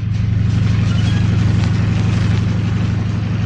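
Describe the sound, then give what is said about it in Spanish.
A helicopter engine starting up as the ignition system is switched on roars steadily, a loud low drone with a fast, even pulsing beat and a wash of hissing noise above it, with no voices. “Calimán acciona el sistema de encendido y el motor del helicóptero empieza a funcionar.”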